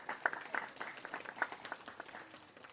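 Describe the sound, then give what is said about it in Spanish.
A crowd applauds a team of school police officers, a dense, steady patter of many hands clapping for a few seconds, with a handful of sharper individual claps standing out. Fairly soft overall, with no talking over it. “Un aplauso a ese equipo de policías escolares.”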